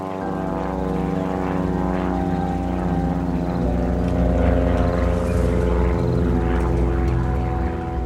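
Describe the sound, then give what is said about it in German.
A small propeller airplane drones steadily on a flight to the Ngorongoro Crater from the Serengeti in January 1959, its engine holding a loud, even hum with layered buzzing harmonics and slight wavering in pitch throughout, with no voices. “Es ist der Tag vor der geplanten Rückreise nach Deutschland, als Michael zu einem Flug zum Ngorongoro-Krater aufbricht.”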